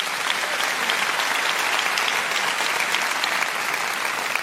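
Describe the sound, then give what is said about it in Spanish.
An audience claps steadily in a dense, sustained burst of applause for the speaker's two volunteers, loud and even throughout with no voices standing out. “Denles un aplauso a mis dos voluntarios aquí.”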